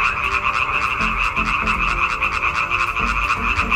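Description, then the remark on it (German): A dense chorus of male frogs croaking together to attract females, a continuous loud trilling with rapid pulsing calls overlapping throughout, no voices present. “Das Weibchen wählt in der Regel das Männchen mit dem schönsten, lautesten und längsten Quaken.”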